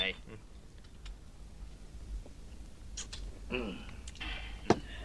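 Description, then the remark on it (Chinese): A single bright, sharp clink of glasses in a toast rings out near the end over a low murmur of voices, with voices calling out '干杯' (cheers) in Chinese. “来，干杯！ 干杯！”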